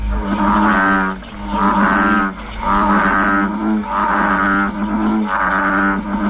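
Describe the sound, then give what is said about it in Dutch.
An American bullfrog gives a series of deep, loud croaking calls, about five drawn-out, moo-like groans in a steady rhythm, with no talking. “Ja, die Amerikaanse stierkikker die kan trouwens geen ziektes overbrengen op mensen, maar mensen klagen wel vaak over zijn harde gekwaak.”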